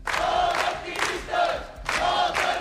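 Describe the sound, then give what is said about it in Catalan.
Dozens of protesters, called out by the platform Menys Turisme, Més Vida, shout and chant outside the courts on Via d'Alemanya. They greet the released detainees with hugs, shouts and placards. The chanting comes in loud, rhythmic bursts: three surging waves of massed voices with brief dips between them. “Les han rebut així, entre abraçades i molta emoció, i amb crits i pancartes on es podia llegir detingudes llibertat.”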